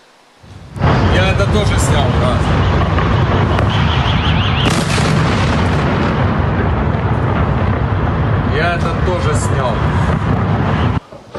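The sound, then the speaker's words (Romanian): Loud, continuous rumbling blasts and heavy booms fill the scene, a dense roar of explosions with crackling debris, during a night-time Russian attack with several types of missiles on Kyiv, the Ukrainian capital, sustained for about ten seconds before cutting off abruptly. “Explozii puternice au zguduit capitala ucraineană noaptea trecută.”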